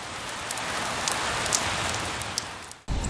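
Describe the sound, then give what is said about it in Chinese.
Heavy rain mixed with hail pours down during a night thunderstorm in Daming County, Hebei, China, in a dense, steady roar, with scattered sharper impacts cracking through, loud, briefly dropping out near the end before resuming. “话音未落，顷刻间天空雷声大作，电光频闪，一阵强降雨夹杂着冰雹倾泻而下。”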